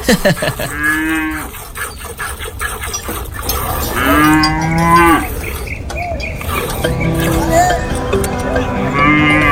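Several long, drawn-out cow moos sound loudly, one after another, with a steady murmur of background noise underneath.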